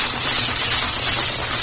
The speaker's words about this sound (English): like give the onion, you hear that like slow sizzle. That's the kind of temperature that you want.